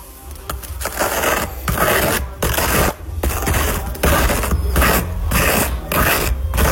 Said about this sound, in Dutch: Het smeren van mijn beschuit met boter.